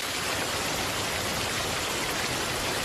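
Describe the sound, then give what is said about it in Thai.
Steady rain falls throughout, a dense, even hiss of countless drops with no breaks or voices, fairly loud. “ในวันฝนตกนกเงือกตัวผู้ยังคงออกหาอาหารอย่างไม่ย่อท้อ”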